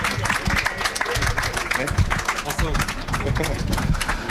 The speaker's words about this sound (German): Ja, Applaus, Applaus, Applaus, Applaus.